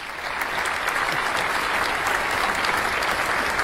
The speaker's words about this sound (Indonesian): Baik, para hadirin, kita beri tepuk tangan untuk seluruh peserta hari ini.